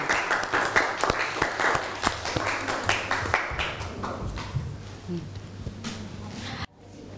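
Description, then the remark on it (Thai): Audience applause for student representatives in a class: many hands clapping in a dense, uneven patter that stays fairly loud, then thins out toward the end. No one speaks over it. “ขอเสียงปรบมือให้ตัวแทนนักเรียนค่ะ”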